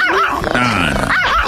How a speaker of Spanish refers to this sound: No. Ponle un perro de veras, ¿qué es eso? ¿Qué es eso? ¿Un chihuahua? Con madre el perro. Es un perrín. Muy bien, el perrito. El perrillo.